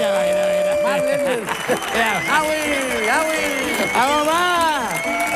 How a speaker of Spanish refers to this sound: Fuerte el aplauso, por favor, para nuestro catedrático